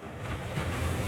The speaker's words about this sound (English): This hardly sounds groundbreaking, does it? But it's the sound of wave energy that could power a multi-billion dollar blue economy. UWA researchers in Albany have turned ocean waves into electricity to help WA's progress in renewable energy.